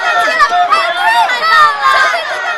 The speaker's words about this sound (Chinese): 广播一响，女生们是一片欢呼